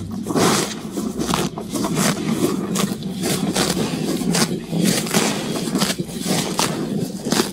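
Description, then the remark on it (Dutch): A cow eagerly grazing wet grass in a farm meadow under the spring sun, with a steady run of rough tearing and munching bursts repeating every half second or so, loud and continuous with no voices. “Ja, dit is een gretig grazende koe die lekker in het natte gras ligt.”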